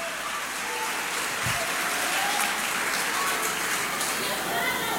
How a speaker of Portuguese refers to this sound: Quem pode aplaudir ao Espírito Santo aqui?